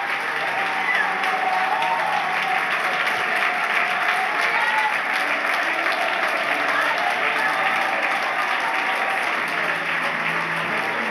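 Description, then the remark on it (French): An audience claps loudly and steadily for several seconds during a morning church service, applauding God, a dense wash of applause with a murmur of voices mixed in. “Est-ce que l'on peut applaudir le roi des rois, le Seigneur des seigneurs, le Dieu de gloire ce matin?”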